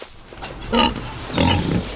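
Two loud, rough grunts from a wild boar, the first short and harsh, the second longer and deeper, with quiet background between them.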